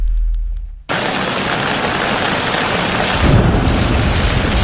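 A low rumble opens before heavy rain bursts in, hissing steadily and loudly, with a deeper roll of thunder swelling beneath the downpour toward the end. No voices.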